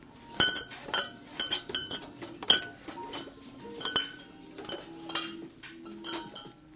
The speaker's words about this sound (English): Glass bottles clinking on the shelves one by one.